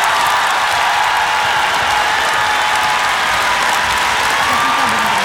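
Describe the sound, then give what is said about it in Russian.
A concert audience at a song festival in Russia, broadcast on Avtoradio's evening show, applauds loudly and steadily, a dense wash of clapping with scattered cheers rising over it, sustained without a break for several seconds. “Конечно же, огромное спасибо вам за поддержку, за ваши аплодисменты, за ваши песни.”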